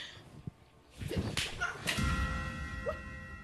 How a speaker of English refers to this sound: Brother, you slapped me. Slap you again.